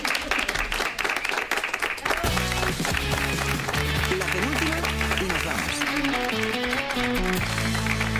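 A short burst of clapping fills the opening couple of seconds, dense and close, before giving way to a tuneful musical passage that carries on to the end.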